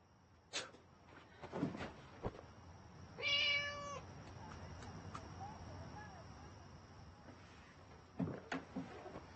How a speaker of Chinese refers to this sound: 豆包他就是只猫。